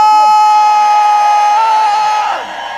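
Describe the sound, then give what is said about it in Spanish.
A concert crowd at the Lunario in Mexico City roars with loud, sustained shouting and cheering during a live radio broadcast, one high held yell riding over the dense noise before the whole roar dips slightly near the end. “¡Un grito!”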